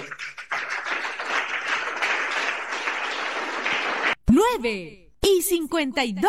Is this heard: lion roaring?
no